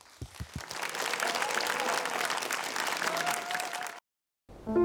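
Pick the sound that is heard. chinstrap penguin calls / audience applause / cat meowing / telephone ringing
audience applause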